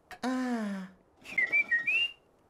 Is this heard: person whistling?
yes